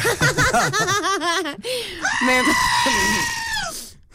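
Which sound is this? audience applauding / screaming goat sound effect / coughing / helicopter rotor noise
screaming goat sound effect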